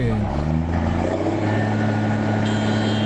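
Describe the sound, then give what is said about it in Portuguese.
Loud, sustained car horns blare together in a steady, overlapping drone over a rumble of traffic noise, with no break across the few seconds. “Ah, tá buzinando, os caras gostam, velho. Aí, ó, buzinaço, tá bom.”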